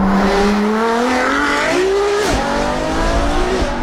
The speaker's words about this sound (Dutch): En bij een Ferrari is het ook de vraag hoe die wagen gaat klinken. Het geluid wordt namelijk nagebootst. Maar of dat nou zo gaat klinken als deze...